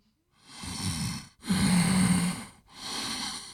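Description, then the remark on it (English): A person imitates harsh, congested, sinus-irritated breathing: three loud snorting breaths in a row, each rough and noisy, the middle one longer with a throaty, voiced rasp. No one speaks. “That sinus irritation response, that can get to a lot of people. The breathing.”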